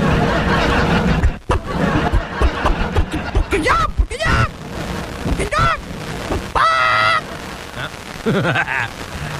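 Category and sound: bird, hen clucking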